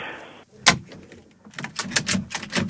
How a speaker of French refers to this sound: Poussez, monsieur, poussez. Ben c'est déjà fait. Hein. Non, mais poussez sur la porte.